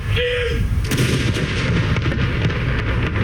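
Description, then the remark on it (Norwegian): Booming cannon salute fired at noon at Akershus Fortress in Norway, in open air: a deep blast followed by rolling echoes and reverberation that fill the space, with a faint tone early on and no talking. “Klokken 12, litt over 3 timer etter at hele Norge fikk vite om dødsfallet, var det tid for salutering med kanoner på Akershus festning.”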